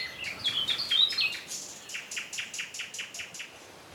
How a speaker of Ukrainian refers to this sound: А тоді почувся спів соловейка.